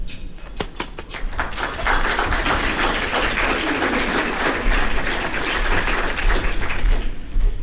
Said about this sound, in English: All right, I appreciate it. That was a pretty good round of applause.